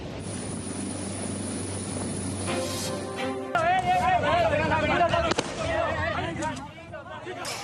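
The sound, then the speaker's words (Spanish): A helicopter's engine whines steadily with rotor chop building, loud; about halfway through, voices start up over the continuing aircraft noise. The helicopter is used to reach isolated communities and carry people who need assistance. “Se usan helicópteros para llegar hasta las comunidades aisladas y trasladar a quienes necesitan asistencia”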